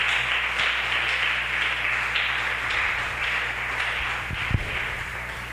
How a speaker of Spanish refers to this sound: Dale ese aplauso fuerte al Maestro.